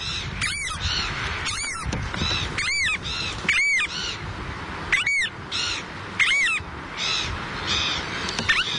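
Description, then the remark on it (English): A variable oystercatcher (Thoria pungo) gives a string of loud, shrill piping calls, repeated about once a second, over a steady background hiss with no talking. “The variable oyster catcher, Thoria pungo.”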